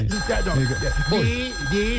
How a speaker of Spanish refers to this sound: Ay, conteste ahí, afanador, por favor. Suena duro de teléfono, mano.